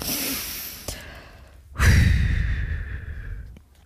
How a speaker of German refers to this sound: Oben auf der Wiese atmet sie erst einmal tief durch.